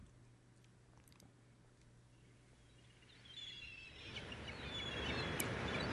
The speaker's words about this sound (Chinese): 听到一啲好，系咪海鸥叫嘅声音，同埋啲海浪嘅声音。